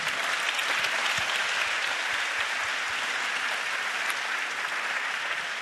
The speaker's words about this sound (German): Bitte, dass Sie sich selber applaudieren, weil Sie haben wirklich hier einen spannenden Abend erlebt und waren beteiligt, das konnte ich merken. Die Stimmung im Saal war höchst interessiert, also geben Sie sich bitte selber noch einmal einen Applaus.